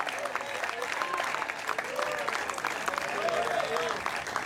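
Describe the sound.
A church audience applauds the Lord steadily, dense clapping filling the space at a constant level, with some voices calling out and murmuring through the applause.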